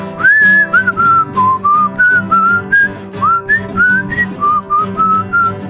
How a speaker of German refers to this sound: Na, spiel einfach irgendwas. Ich pfeife.